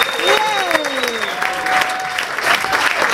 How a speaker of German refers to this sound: Und hier ist sie. Begrüßt sie mit einem riesengroßen Applaus.